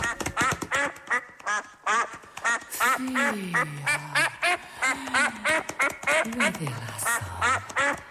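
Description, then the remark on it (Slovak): A duck quacks over and over in quick, loud bursts, a busy stream of nasal calls with a few lower sliding tones beneath them. “a len čo sa kačacej stupaje perou dotkne, jej strieborné vlásky na strieborné perie sa premenia a ona celá sa zrazu na kačku zmení.”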